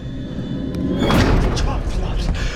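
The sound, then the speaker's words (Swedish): A root cellar door slams shut with one loud, heavy bang partway through, followed by a boomy rumble that lingers in the cramped, echoing cellar, with faint voices. “Okej, dörren smällde igen.”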